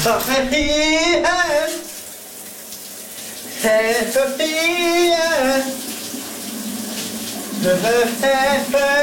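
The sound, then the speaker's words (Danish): Shower water runs steadily throughout, a continuous hiss, while a man singing in the shower in the morning sings three short wavering phrases over it. “Hvad sang han i brusebadet i morges?”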